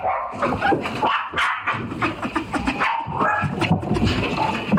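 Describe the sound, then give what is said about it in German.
A dog barks frantically and nonstop, loud, its sharp yelps and yips tumbling over each other in a continuous hysterical stream with barely a pause. “Hysterisch. Und das ist auf jeden Fall schon eine Verhaltensstörung, was der Hund macht.”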